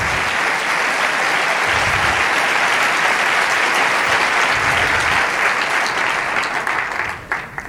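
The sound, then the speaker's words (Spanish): An audience claps steadily in a dense, sustained wash of applause that stays loud for several seconds before starting to thin out at the very end. “Vamos, dar ese aplauso.”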